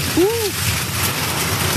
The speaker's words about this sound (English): It's going to just hammer us in a couple of minutes, and hopefully that will bring some relief. All right. Here's the rain.